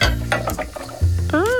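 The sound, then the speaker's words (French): Brisk, rhythmic scrubbing strokes on plates being washed in soapy foam, a series of short scratchy rubs over a low steady hum, ending in a rising and falling squeak like a wet plate rubbed clean. “Il frotte les assiettes.”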